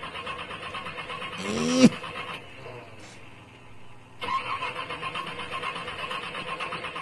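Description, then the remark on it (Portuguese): A car engine cranks over and over without catching, fairly loud. The whirring cuts off for a couple of seconds, then abruptly starts grinding again, still failing to fire. “Tá desse jeito? Não pega?”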